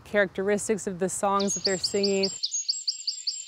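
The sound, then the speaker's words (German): A speaking voice gives way to a native songbird's rapid, repeated high-pitched chirping phrases, which join under the talk and then carry on alone, clear. “Sie singen dann einfach früher oder später am Tag oder verändern Charakteristik oder Lautstärke ihrer Gesänge.”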